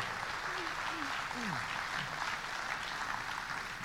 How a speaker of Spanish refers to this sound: ¿Cuánto le dan las palmas a él? Dele las palmas al que vive. Gloria a Dios.